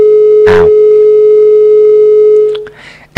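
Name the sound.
telephone busy tone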